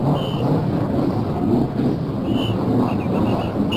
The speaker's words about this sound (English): There are those famous words from Tony Holman to start the race, and immediately the cars in the field are starting up. Now we're going to listen to the cars start up. Here they are.